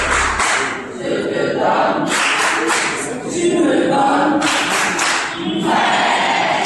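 Loud, sustained applause from participants closing a three-day youth citizen academy on accountability and fighting corruption in Benin. A dense, continuous patter of many hands swells in waves for several seconds, with some voices mixed in.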